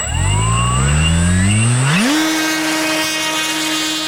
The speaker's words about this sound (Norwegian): Her da lyden av et elektrisk modellfly.